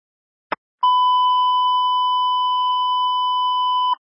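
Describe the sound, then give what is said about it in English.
A brief click followed by a long, steady electronic radio dispatch alert tone holding one pitch for about three seconds, loud and clean with no voices, announcing emergency traffic for an accident with injuries at Trail Ridge Drive and Meeker Boulevard. “Emergency traffic on the west side district. 3344 beep for an accident on an injuries at Trail Ridge and Meeker Boulevard.”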